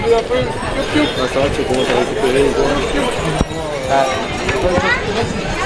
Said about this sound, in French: Les chevaux reculent et les gens aussi.